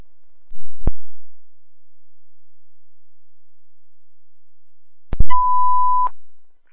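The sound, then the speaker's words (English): A sharp radio click, a long silence, then a couple of clicks and a single steady rescue dispatch alert tone, a clean loud beep lasting under a second, sounding a rescue alarm for a motor vehicle collision on northbound 295 near Wright Road. No one speaks. “Rescue alarm 2981 Charlie.”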